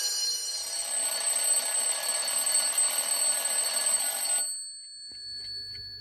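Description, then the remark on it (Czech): A school bell rings loudly and continuously for about four and a half seconds with a harsh metallic clatter, then cuts off abruptly, leaving a faint lingering hum. “Přišel si pozdě. Už zvoní.”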